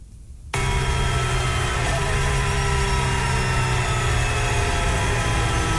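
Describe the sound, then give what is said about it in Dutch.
After a brief hush, Colapinto's racing car engine cuts in abruptly as the car rolls into the pit lane of a semi-street circuit, holding a loud, steady, buzzing drone with layered harmonic tones, running alone with no voices. “Even luisteren wat er met Colapinto gebeurt. Hier werkt hij nog. Hier werkt hij niet meer.”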